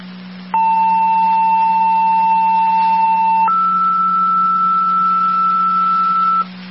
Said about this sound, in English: Just off Lockport, 2nd set of tones for the EMS call. 5654 Wendy Circle off of Buell Drive.